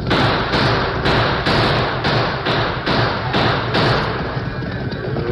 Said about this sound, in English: That's it, Tonto. They're swinging over. That's enough. Hey, what's the idea of you crazy galoots using guns, sir?